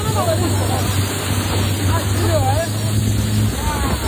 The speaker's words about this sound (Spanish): Imagínate que estás tranquilamente de vacaciones en Botswana, navegando, y que una pequeña, que estás en una pequeña lancha, cuando de repente tu guía te dice: agárrate, que tenemos que acelerar, que viene un hipopótamo.